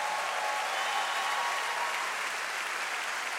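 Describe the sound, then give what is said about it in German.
Sustained audience applause at the Over the Border Festival in the Kölner Philharmonie, Cologne, after a song, a dense wash of many hands clapping at steady volume throughout from a large crowd, with no speech over it. “Nochmal einen ganz großen Applaus”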